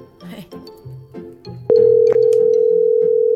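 A steady, loud telephone tone sounds while a call is being placed, droning without a break after a few seconds of voices talking quietly.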